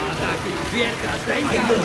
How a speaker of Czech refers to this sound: Nevidíš, že neslyším, když teče voda?